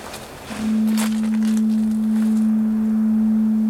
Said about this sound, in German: Das Nebelhorn.